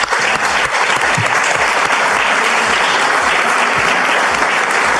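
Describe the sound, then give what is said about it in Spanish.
Sustained audience applause, renewed for deputy Alejandro Grillo, fills the whole stretch, a dense, steady wash of many hands clapping fairly loud, with no one speaking over it. “Primero que nada, renovemos el aplauso, porque de verdad que...”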